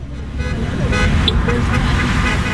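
Car horns toot in short bursts over a steady low rumble of idling traffic at rush hour, with cars backed up at a traffic light near a gas station, fairly loud, with faint voices mixed into the street noise; on the corner about a dozen people wave signs, one asking drivers to honk.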